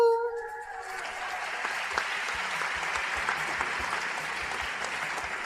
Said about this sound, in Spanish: Damos un fuerte aplauso a todo el personal. Gracias, queridos hermanos, muchas gracias.